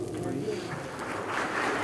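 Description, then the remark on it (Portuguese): A crowd claps steadily for a sister of the community as she is called forward, a dense, even patter of many hands that holds at the same level throughout, with voices murmuring underneath. “Vamos aplaudir a nossa irmã.”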